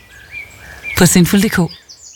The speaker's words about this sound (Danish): Udendørslivet kan godt larme lidt. Fuglene piber, blomsterne springer ud,